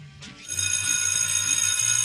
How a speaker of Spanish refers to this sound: El timbre vuelve a sonar, pero esta vez no hay fila. Continuamos sin saber si anuncia la entrada o la salida.